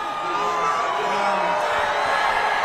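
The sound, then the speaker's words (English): A large crowd cheers and shouts loudly and steadily, chanting "USA, USA, USA" as the president of the United States comes to the lectern, a dense roar of many voices with rising whoops, no single speaker standing out. “We hear the chants of USA, USA, USA.”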